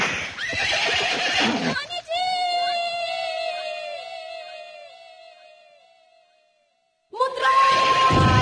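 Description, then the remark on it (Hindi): A horse lets out a long, loud whinny that slowly fades, framed by short bursts of rough, clattering commotion like hooves before and after, as riders spur their horses on. “घोड़ों को एड़ लगाओ।”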